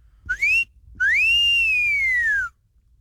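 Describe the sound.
A person whistles two clear notes for the ladies: a short rising chirp, then a longer tone that swoops up and slowly glides back down, like a flirtatious catcall whistle. No one speaks.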